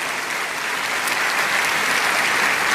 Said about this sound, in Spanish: A Él sea la gloria y a Él sea este aplauso por los siglos de los siglos.